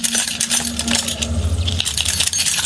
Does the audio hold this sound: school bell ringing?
no